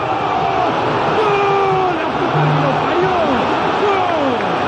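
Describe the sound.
A huge stadium crowd of Boca fans roars in celebration of a Boca goal scored by Ascacíbar at the Palacio Ducó, a dense, steady wall of yelling with many individual voices rising and falling above it, loud and unbroken throughout.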